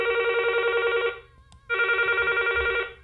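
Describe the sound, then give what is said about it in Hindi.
A telephone rings twice with a steady electronic double-burst tone, an incoming listener call to a phone-in programme, each ring lasting about a second, separated by a short pause. Loud, with no voices. “हमें इंतज़ार है आपके फ़ोन कॉल्स का।”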